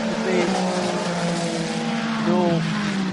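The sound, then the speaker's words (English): A 3-litre six-cylinder 499P race car engine, 499 cc per cylinder and mounted behind the driver's head, screams loudly past, its high, buzzing whine holding steady before the pitch shifts and swells again near the end. “3 litre 499p, because it is 499 cubic centimetres for each one of the six cylinders that is behind the driver's head pushing that car forward.”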